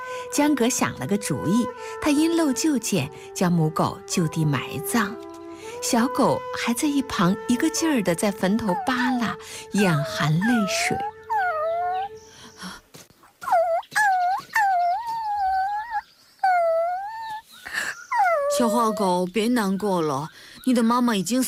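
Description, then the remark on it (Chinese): A puppy lying beside its dead mother dog whimpers in a run of thin, high, wavering whines, each rising and falling, clear, following a stretch of busier background sound with tonal music-like lines. “哎，只见不远处，一只小狗趴在已死的母狗边，嘤嘤啜泣，不忍离去。”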